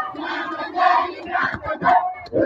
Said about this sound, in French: Une foule qui défila avec les drapeaux congolais du quartier Majengo passa par Don Bosco jusqu'en Gangi 1 dans les territoires de Nyiragongo, avançait à chantant l'hymne national, les débuts congolais.